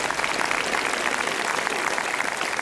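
Steady, dense audience applause fills the whole stretch, many hands clapping at once in a sustained, even wash of sound with no pauses or voices standing out.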